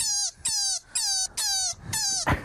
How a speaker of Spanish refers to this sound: ¡Un conejo! ¡Un conejo! Este es el ruido. Oye, que aparece. ¿Esto hace un conejo? Esto hace un conejo. Escucha.